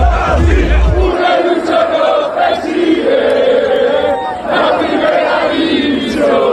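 A large crowd of Real Racing Club de Santander fans in Santander celebrates the team's promotion to the first division on a Sunday evening, chanting and cheering together in a continuous roar, voices rising in rhythmic waves with a deep rumble at the start.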